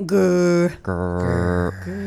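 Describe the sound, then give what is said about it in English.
A voice makes two rolled, vibrating 'grrrr' growls in quick succession with the lips parted, each a steady buzzing purr with a brief gap between them. “One is a grrrr, grrrr.”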